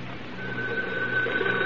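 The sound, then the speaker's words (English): A telephone rings with a steady, continuous electric tone over a faint background hiss, moderately loud, with no one speaking. “He should be making several phone calls right about now.”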